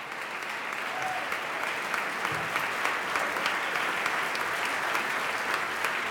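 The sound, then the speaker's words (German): Sustained, dense applause from an enthusiastic opera premiere audience, now for the members of the chamber choir of the University of Göttingen, a steady wash of many hands clapping at even loudness throughout, with no voices standing out. “Ein begeistertes Premierenpublikum. Applaus gibt es jetzt für die Mitglieder des Kammerchors der Universität Göttingen.”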